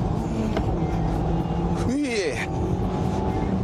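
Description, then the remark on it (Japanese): A Roadster sports car engine roars steadily throughout a final hard attack lap of about 44 seconds, with a quick rising-and-falling rev sweep near the middle, like a gear change during hard driving. “さて最後にもう一発アタックしてから終わりますか。”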